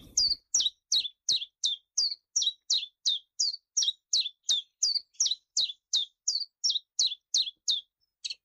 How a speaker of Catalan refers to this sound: Mosquiter comú. Filoscopus colivita. Ocell hivernal que trobem d'octubre a abril als rius i zones humides, platges, roques, camps de conreu i zones boscoses.